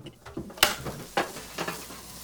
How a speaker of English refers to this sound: Cup of tea, dear. The kettle's on.